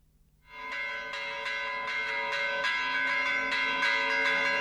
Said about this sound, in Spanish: Este es el del Santísimo Cristo de la Laguna, que no tiene unas grandes campanas, pero son como mucho más finitas.